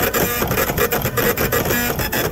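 A receipt printer runs continuously, a dense buzzing whir with quick rhythmic stutters as the paper feeds through, fairly loud and steady with no voices.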